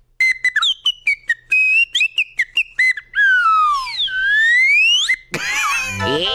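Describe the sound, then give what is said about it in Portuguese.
A cartoon-style slide whistle played as part of a character act: a quick run of short chirping toots, then a long tone that glides downward and swoops back up, ending in a noisy, jumbled burst. Loud, no voices. “Muito bom, faz parte do personagem esse apito.”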